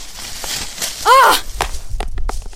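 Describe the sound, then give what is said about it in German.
A smartphone drops and strikes a hard floor, cracking its display, followed by a few quick, sharp clattering knocks as it bounces and settles, with a short vocal cry just before the impacts. “Oh nein, mein Handy. Fuck, das Display ist gesprungen.”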